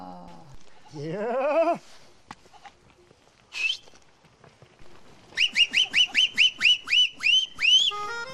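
A herder's call to sheep and goats on the Anzer plateau (Anzer yaylası), to which the flock of about 600 animals, young included, responds by moving: a warbling, wavering vocal cry, then after a pause a rapid run of about ten loud, sharp, high-pitched whistle-like calls, with no talking.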